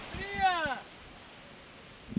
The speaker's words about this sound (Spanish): Y este es el sonido en directo. ¡El agua, la Coca-Cola! Desde la playa de la Victoria. Con un vientecito muy agradable que está sonando, con la gente que va metiéndose en el agua, con quienes están sentados en las sillas, qué envidia